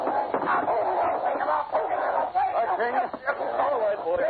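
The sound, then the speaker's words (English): A dog barks and snarls fiercely in a continuous, frantic burst, attacking a man who pulled a gun, with the man's struggling voice mixed into the commotion. “You shouldn't have pulled a gun with my dog watching you.”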